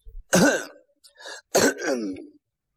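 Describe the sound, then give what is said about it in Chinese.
A man's voice acts out an old man clearing his throat and coughing once: two harsh, gravelly bursts with a short rasp between them, fairly loud, with no speech. “老头咳嗽一声”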